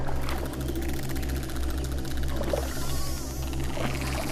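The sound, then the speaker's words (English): A pod of bottlenose dolphins hunting in the fjord at Milford Sound, Fiordland, emits rapid, buzzing trains of echolocation clicks underwater, steady and dense at first and then thinning, over a constant low engine-like hum. No one speaks. “The pod emits a stream of clicks as they roam the depths.”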